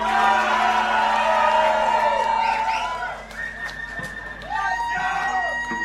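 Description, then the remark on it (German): A crowd at a live event cheers and whoops with sharp, high whistles as applause for the sound technician, over a steady roar of noise, which briefly drops in the middle before swelling again with more whistling. “Hey, Applaus für Flo am Ton erstmal!”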